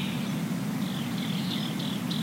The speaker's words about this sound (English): Listen, I can hear the drone coming now. Do you hear it?